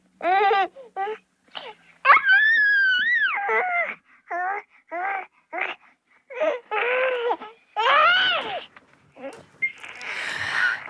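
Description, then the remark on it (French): A baby laughs in a string of short, high, squealing bursts, some rising into longer shrieks of delight, fairly loud with brief pauses between, with no other voices. “le rire des bébés qui fait immanquablement rire les adultes.”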